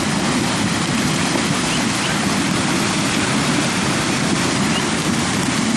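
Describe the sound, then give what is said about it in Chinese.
Loud, steady rush of icy river water churning and splashing continuously for several seconds as newborn spring foals wade across, the water reaching their backs, full-bodied, with no voices or other distinct sounds breaking through. “对春季刚出生的小马和其他小体型的牲畜而言，过河无疑是一场考验。”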